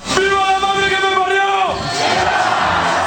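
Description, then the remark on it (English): A huge crowd in Spain cheers loudly as it welcomes home its World Cup winners, opening with a long, sustained unison shout that breaks off into a broad, roaring wash of voices continuing to the end. “Huge crowds in Spain welcome home their World Cup winners”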